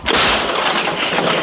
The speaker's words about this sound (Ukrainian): Тим часом лунає команда до бою, і гармаші знову беруться за роботу. Ворожа піхота штурмує, її слід зупинити. Постріл!